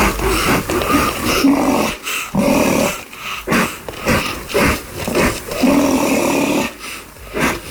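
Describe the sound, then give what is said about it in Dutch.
A black (hook-lipped) rhinoceros calls with a run of loud, rasping snorts and growly grunts, coming in rough bursts about once a second with brief gaps between, and no voices. “Het is een puntlipneushoorn. Oh ja. Beter bekend als de zwarte neushoorn.”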